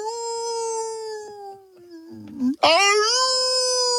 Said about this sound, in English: And every now and then you'll hear all the coyotes howling, they got something.